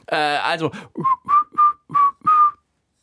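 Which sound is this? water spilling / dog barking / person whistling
person whistling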